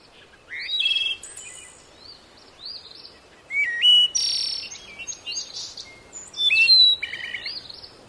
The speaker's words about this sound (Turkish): Allah'ım, her şey ne kadar güzel. Masmavi gökyüzü, yemyeşil tabiat. Sanki kuşlar bile burada daha bir farklı ötüyor.